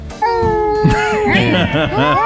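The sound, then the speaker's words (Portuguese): Cats yowling and caterwauling in a fight: a long, wavering howl that breaks into several overlapping, rising and falling cries, loud and continuous for a couple of seconds. “O grupo tá calado, eu vou dar uma briga de gata aqui.”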